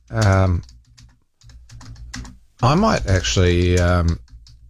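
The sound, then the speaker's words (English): A quick flurry of computer keyboard typing, light rapid clicks and taps, heard in the pause between a person speaking before and after, as someone quickly types in a question about how long the Waterview Tunnel took to build. “I'm just quickly typing that in.”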